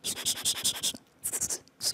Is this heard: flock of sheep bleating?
no